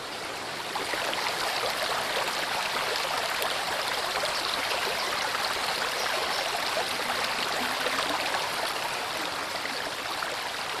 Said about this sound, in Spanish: Llamativo donde los haya, encierra barrancadas por donde el agua baja vertiginosamente para formar numerosas venas que surcan la roca hasta el río principal.